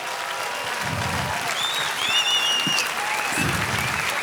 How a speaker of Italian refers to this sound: Fate un applauso che sono qua dietro.